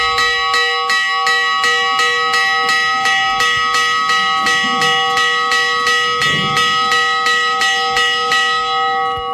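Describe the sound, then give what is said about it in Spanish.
A bell rings rapidly and steadily, announcing the closing of the gates of the old walled village of Granadilla, in the north of the province of Cáceres. Its strokes come in an even rhythm about every half second, with bright lingering overtones that blend into a continuous clang. Loud, with no voices. “Así suena la campana que avisa del cierre de puertas, del momento en el que se enclaustra una vez más el viejo municipio de Granadilla, en el norte de la provincia de Cáceres.”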